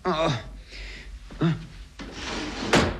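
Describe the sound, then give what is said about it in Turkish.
A drawer, which turns out to be an underwear drawer, is pulled open in a bedroom with a short wooden scrape and knock, followed by a rougher sliding rumble. Brief vocal sounds from a person come just before it. “Bu çekmecede de ne varmış bakalım.”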